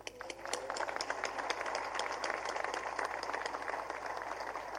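An audience applauds the founder of an institution preserving Paraguayan historical memory and cultural identity, many hands clapping in a dense, sustained wash with crisp individual claps standing out, holding at an even level throughout.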